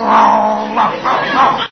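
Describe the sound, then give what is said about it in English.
A man on all fours imitates a dog's growl to copy the dog, a low, rough, sustained rumble that swells in a few pulses over under two seconds, fairly loud. “He growls, so I'll growl.”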